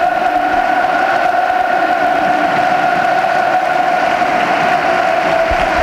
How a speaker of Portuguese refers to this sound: E agora pelo aplauso dos adeptos do Futebol Clube do Porto e também dos jogadores aos adeptos. Contacto agora com o topo norte. Os jogadores aproximam-se.